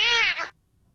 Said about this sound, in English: This is one of Ryan's personal favorites, a cat meowing at a Ring doorbell camera.